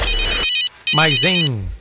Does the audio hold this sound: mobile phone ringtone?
yes